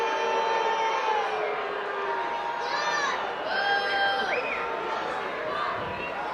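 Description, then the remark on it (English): A large baseball crowd boos a safe call at home plate on Tevin Tucker's head-first slide, a call by umpire Tim Barreras, in a Blue Jays game. A steady wash of many voices with drawn-out, wavering tones rising and falling, loud and continuous for several seconds. “And the crowd booing, but a correct call from Tim Barreras.”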